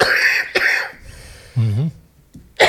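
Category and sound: human body sound, coughing fit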